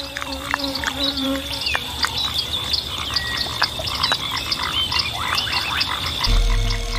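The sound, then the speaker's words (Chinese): Bullfrogs croak in a busy night chorus, with repeated low calls over a constant high insect buzz and scattered chirps. A deep, louder rumble rises at the very end. “离开水的牛蛙是送上门的美餐。”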